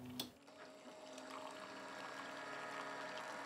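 After a short click, a steady motor hum with tonal whine runs under continuous splashing and trickling water as a motorized, app-guided coffee brewer dispenses water over 15 grams of medium-ground coffee. No one speaks.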